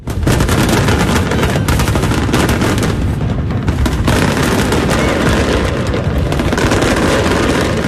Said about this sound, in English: The night capped off with a spectacular fireworks display.